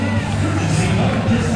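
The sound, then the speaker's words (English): A baseball stadium crowd cheers after pitcher Duran strikes out Keaton Anthony swinging on a 3-2 off-speed pitch, down and away, with two on and nobody out. A loud, steady roar of many voices blends into one dense wash of noise throughout, with no clear individual speech. “Big rise out of the crowd there.”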